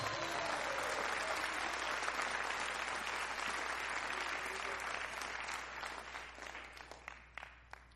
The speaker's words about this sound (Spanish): ¿Alguien le puede dar un fuerte aplauso a Cristo en esta hora?